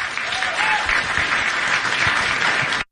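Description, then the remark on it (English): A crowd at a rally claps as Bernie Sanders says he will do whatever he can for Graham Plattner, in a dense, loud wash of applause that holds even for about three seconds before cutting off abruptly, with faint voices mixed underneath. “Him saying, I'm going to do whatever I can, and people in the crowd clapping.”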